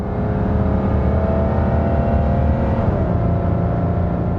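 The loud engine of a huge sports car roars steadily throughout as it speeds along a country road in England, its pitch dipping slightly near the end as the car seems to rush past. No voices.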